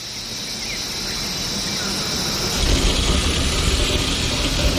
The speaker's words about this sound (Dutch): Wat horen we allemaal? Ik hoor insecten, krekels of zo?